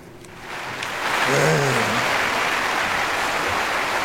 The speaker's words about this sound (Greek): Άσε να πέσει το χειροκρότημα.